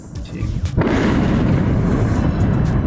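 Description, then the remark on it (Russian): Explosions during the largest air attack on Moscow and the Moscow region: a heavy explosion bursts in after a brief quieter moment, then a dense, loud, low rumbling roar carries on without a break, like continuous blasts and booming fire rolling together. “Крупнейшая воздушная атака по Москве и Подмосковью.”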